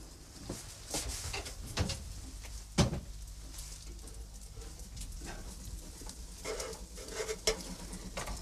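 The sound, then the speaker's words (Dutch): An oven door is opened to check on cookies baking inside, with a few clunks and rattles, one sharp knock standing out, over a steady low hum and faint sizzle. “zal nog eventjes checken nu in mijn oven hoe dat daar zit met die koekjes.”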